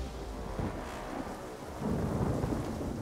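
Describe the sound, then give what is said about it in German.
Heavy rain, hail and stones pelt down on rescue workers in a dense, steady roar with deep rumbling underneath, swelling louder midway as the downpour intensifies; no voices are heard. “Die Ereignisse überschlagen sich, das Wetter schwenkt um. Starkregen, Steine, Hagel prasseln auf die Helfer nieder.”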